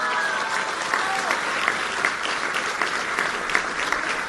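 A crowd in Veracruz claps steadily for the governor, dense, continuous applause lasting several seconds, with sharp individual claps standing out now and then from the even wash of sound.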